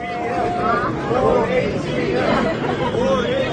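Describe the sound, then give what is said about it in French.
A dense crowd in Seoul clamors around Nvidia CEO Jensen Huang, many overlapping voices chattering and calling out "More HBM" at once in a steady, loud hubbub with no single speaker standing out. “C'est ce que la foule réclame autour de Jensen Huang, le patron de Nvidia, l'entreprise qui conçoit les puces devenues incontournables pour l'intelligence artificielle.”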